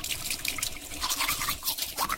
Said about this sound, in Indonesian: A Day in My Life. Mandi, sikat gigi,